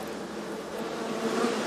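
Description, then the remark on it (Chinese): A dense swarm of at least tens of thousands of bees hums steadily at a hive in the gaps of the fourth-floor boards of Yuchang Lou, an old rammed-earth tulou, a continuous drone of countless wings that swells slightly toward the end, with no voices. “你看这个蜜蜂密密麻麻的，这起码得有几万只。”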